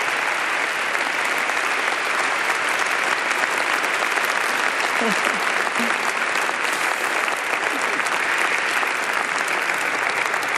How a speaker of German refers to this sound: Also ihr dürft mir auf jeden Fall mal am Anfang einen großen Applaus geben, weil sie hat wirklich Tag und Nacht sehr viel gearbeitet.